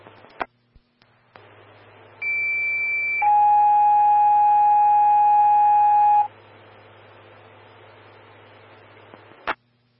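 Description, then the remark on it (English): Steady electronic fire dispatch paging tones over a radio channel, alerting Evergreen Fire Station 3, Engine 131 and Medic 114 to a breathing-problems call: a higher tone for about a second, then a long lower tone held for three seconds, with hiss and clicks of the transmission around them. “Standby for tones on breathing problems.”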